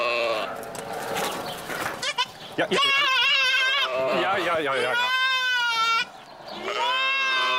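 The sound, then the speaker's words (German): A young goat kid bleats repeatedly for its mother in loud, wavering, high-pitched cries, several calls in a row, with noisy rustling between them. “Das Kleine ruft nach seiner Mutter.”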